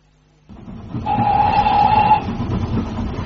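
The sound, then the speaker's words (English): A steam train to Chislehurst rumbles steadily along the rails, with a high sustained whistle sounding for about a second over the churning noise, and no voices. “Not a word until we're on the train to Chislehurst.”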